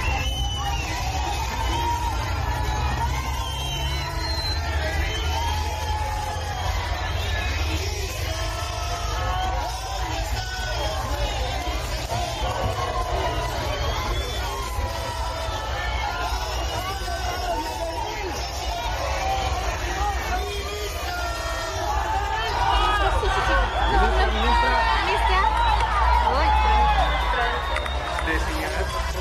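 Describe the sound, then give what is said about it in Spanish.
A crowd of protesting teachers at a vigil in Cochabamba, Bolivia, shouts at the Minister of Education, asking where the 9,600 bolivianos are, continuously for about thirty seconds, many overlapping voices forming a loud, steady roar with sharper individual cries rising out of it, and no pauses. “Le gritaron, ¿dónde están los 9.600 bolivianos?”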